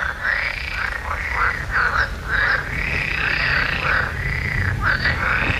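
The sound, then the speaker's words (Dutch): A loud, dense chorus of frogs croaking continuously at night, heard during a late evening walk, with overlapping calls in rapid rhythmic pulses filling the scene, a low background rumble and no talking. “die is tijdens een late avondwandeling getuige van een luidruchtige kikkerconversatie.”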